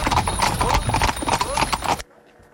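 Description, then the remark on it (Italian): Horse hooves clip-clop in a steady, rhythmic trot as a horse-drawn carriage rolls past at the Tenuta Balli estate in Bioggio, loud amid busy outdoor noise and faint voices, before cutting off abruptly into near silence. “abbiamo goduto di questo spettacolo, diciamo, dannata alle carrozze, alla Tenuta Balli.”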